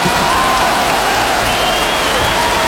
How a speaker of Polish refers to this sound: Dobra, jeszcze raz te brawa.